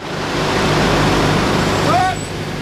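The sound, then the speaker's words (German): A convoy of about 20 heavy military trucks rolls by during a military exercise near Fritzlar in the Schwalm-Eder district of northern Hesse, Germany, headed for northern Germany, their engines a loud, steady low rumble, with a brief high brake squeal near the end. “Rund 20 Militärlaster rollen an.”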